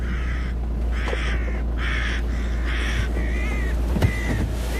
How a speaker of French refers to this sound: Ça y est, la buse est partie sur les corneilles. Elle a manqué.